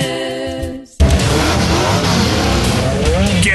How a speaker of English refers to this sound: For an action-packed full-throttle night of racing tonight when the Action Sprint Tour races in the Buxton Speedway with the Winged Sprint Car Series featuring late models, modified Thunderstocks, and mini-mods.